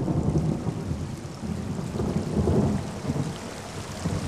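Steady heavy rain hisses across the whole clip over soldiers' trenches, which fill with water, while low, rolling thunder rumbles underneath, swelling around the middle and end. No voices, just a continuous storm wash.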